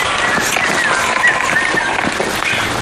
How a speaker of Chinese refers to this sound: 哇，下雨好冷。